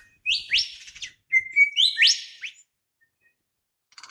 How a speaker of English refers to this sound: I'm just glad and grateful that out of nature come these incredible things, including this Mardi Gras flourish of our lyrebird's tail and his amazing voice that's pouring up now into the morning from an Australian gum tree forest.